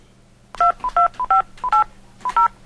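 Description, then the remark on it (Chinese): A rapid sequence of about eight telephone keypad tones from a phone being dialed to make a call, each a short two-pitch beep, punched out in quick uneven bursts, clear with a faint hum beneath. “啊，我来敲电话甲问看卖，好来。”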